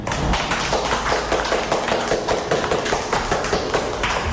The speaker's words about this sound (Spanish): Estamos en nuestro templo sagrado delante de varias personas. Aplaudamos todos de alegría y de felicidad.